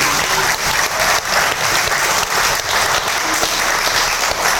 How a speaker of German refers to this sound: Wo kommen Sie her? Aus Mainz. Aus Mainz? Also, dann schon mal Applaus.